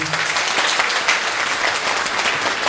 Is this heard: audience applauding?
yes